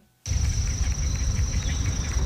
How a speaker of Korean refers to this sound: 네. 딱딱딱딱. 들리네, 소리 들리죠. 딱딱딱딱. 하네요. 이게 말벌이라는 거구나. 이게 어떻게 곤충이 내는 소리지? 와, 진짜 이야, 살벌하다.